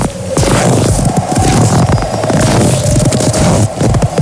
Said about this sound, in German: Nur durch das Hören dieser Geräusche kühlt euer Körper sofort ab. Wissenschaftlich erwiesen. Schritte im Schnee.